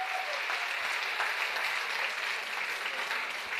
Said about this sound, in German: Jetzt möchte ich, dass ihr jubelt, dass man es bis in die Innenstadt hört, bis in die Paulskirche.